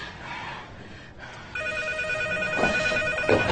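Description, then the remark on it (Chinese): A telephone starts ringing partway through, a steady electronic ring with bright sustained tones over a faint background hiss. It sounds clear, with no one speaking. “这都两天了，一个电话都没有。”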